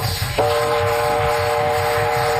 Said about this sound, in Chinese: 火车来了，快上车，走 快点，快走，快走。